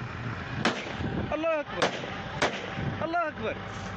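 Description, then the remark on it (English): Three sharp gunshots ring out about a second apart over a noisy background, while men shout between the shots with loud, strained voices, as militants ambush a convoy of trucks heading to Bamako. “In a video released last week, militants are seen ambushing a convoy of trucks heading to Bamako, which is now under a blockade.”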